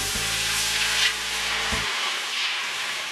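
Plain water is poured into a brass pan set on a stove, splashing with a steady broad hiss and a low humming tone underneath that cuts off partway, leaving the gushing sound to continue alone. No one speaks.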